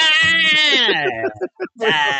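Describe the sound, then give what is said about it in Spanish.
A goat bleats loudly, a long wavering cry that trails off, then a few short broken bleats after a brief pause. “sonó la vaca, sonó el gallo, sonó la chiva también.”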